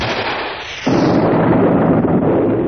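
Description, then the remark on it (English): A loud explosion bursts in suddenly just under a second in, after a quieter hiss, then a heavy roaring rumble continues to the end. No voices. “There's an explosion and a blinding flash.”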